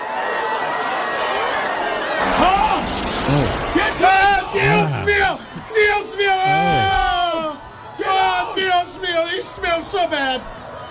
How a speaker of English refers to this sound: Now I got to find the crowd screaming sound effect somewhere. I've got it somewhere.